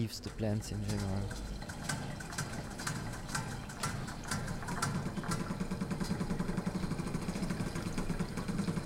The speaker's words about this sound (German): Um Insekten geht es auch in Drumming for Love der kosovarischen Künstlerin Erze Dinarama. 5 mit Wasser befüllte Metallbecken hat sie in den Raum gestellt. Eigens entwickelte Klangmaschinen bespielen sie wie ein Schlagzeug.